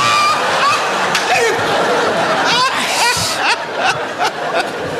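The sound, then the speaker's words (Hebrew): Water pours in a steady, continuous stream for making coffee, splashing and sloshing, while people talk and chuckle over it. “אז בוא נשים מים. בשביל מה? מים בשביל קפה.”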